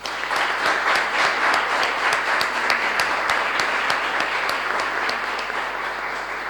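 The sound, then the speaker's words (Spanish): An audience at a Catholic Mass applauds steadily after the Creed is recited, many hands clapping in a dense, continuous wash of sound with a few sharper claps standing out, holding an even loudness for several seconds with no talking. “Y vamos a darle un fuerte aplauso.”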